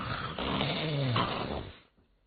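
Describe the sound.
A voice imitates the loud, rumbling snoring of the sleeping character Cheng Yaojin in a storytelling performance: one long, rough snore lasting nearly two seconds, forceful, then trailing off into quiet.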